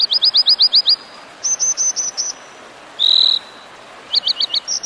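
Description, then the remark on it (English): An American dipper sings in bright, high-pitched phrases: quick runs of repeated chirps, a short buzzy trill, then more rapid notes, loud over a soft rushing background like flowing water. “So, if one day, as you muse by a mountain stream, you spot an American dipper bobbing and winking in your direction, don't take it personally.”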